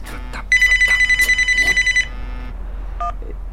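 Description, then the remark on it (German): A telephone rings with a rapid, trilling electronic bell for about a second and a half, fairly loud, followed by a couple of brief higher beeps. “Sie telefonieren viel”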